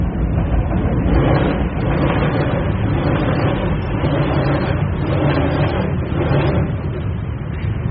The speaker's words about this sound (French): Cette tension de la bête qui arrive, le métro qui part, repart